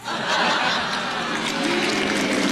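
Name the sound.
audience applause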